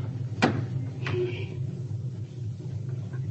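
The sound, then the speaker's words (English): A sharp metallic click of a car door latch, then a second knock as the car door swings open, over the low steady rumble of the running motor. “Unlatch your door for Croker.”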